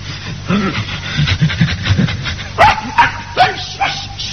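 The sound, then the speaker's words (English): A dog pants and gives a quick series of short, high yips and barks in a wash house, with someone talking quietly over the sounds. “I'm not allowed to bring dogs home anymore.”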